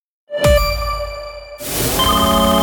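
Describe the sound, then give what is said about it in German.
A telephone ringtone sounds loud: a bright, bell-like ding rings out from silence, then a second, denser burst of sustained electronic tones follows. No one speaks. “Wenn eine unbekannte Nummer anruft, geht keiner gern ans Telefon.”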